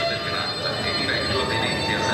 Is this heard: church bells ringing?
no